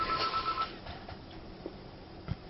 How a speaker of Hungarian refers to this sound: Telefonunk van.